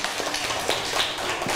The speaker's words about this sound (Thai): ขอตัวแทนกลุ่มที่2ออกมาได้เลยนะคะขอเสียงปรบมือให้กับกลุ่มที่2หน่อยค่ะ